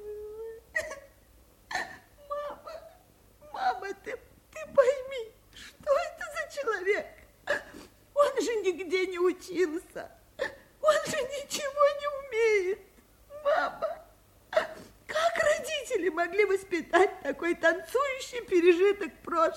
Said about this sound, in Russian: … плачет. … рыдает. Бедная, бедная ….